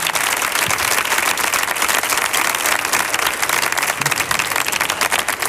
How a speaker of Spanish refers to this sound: Digo, si aplaude uno, aplaudimos todos, porque días no bajáis, ¿eh?